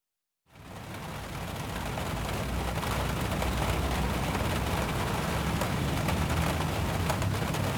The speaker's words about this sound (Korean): 가는 길에 긴급 체포처럼 갑작스러운 소나기가 쏟아졌다.